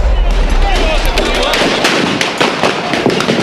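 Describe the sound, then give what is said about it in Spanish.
A rapid, irregular volley of sharp gunshots from police firing rubber bullets at protesters cracks over a dense, roaring crowd din amid tear gas and clashes, the shots coming close together in loud bursts with shouting voices mixed underneath. “¡La policía le comenzó a disparar! ¡Gases! ¡Disparos! ¡De balas de goma!”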